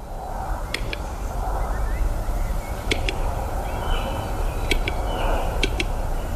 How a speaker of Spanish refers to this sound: no sé si identificas este sonido. Pues no, la verdad. Es el canto de uno de los habitantes. Cada vez en más recesión, pero el urogallo sigue siendo el reclamo fundamental